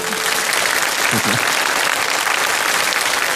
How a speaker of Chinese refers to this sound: 掌声送给